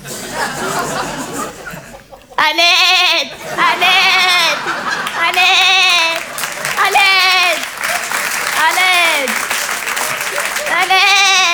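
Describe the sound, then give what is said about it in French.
A person imitates the Eid sheep, letting out a run of about six loud, wavering bleats in steady succession after a brief burst of noise, with a bustling background of chatter and applause-like noise. “Et je fais très bien le mime des animaux. Mon préféré, c'est le mouton de l'Aïd.”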